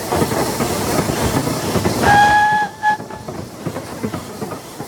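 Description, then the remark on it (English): A train rumbles past on railway tracks with a steady rhythmic clatter, and a short two-tone whistle sounds midway before the noise fades into a lighter rattle. “You're probably too old to remember, but there was a time when practically every triangular acre of country was carved up and crisscrossed by railway.”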